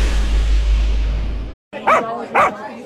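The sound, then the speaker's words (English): Two sharp, fairly loud dog barks in quick succession, following a stretch of low rumbling background noise that cuts off abruptly. “In Little Rock, there's one place where good food meets good vibes. And yes, lots of wagging tails.”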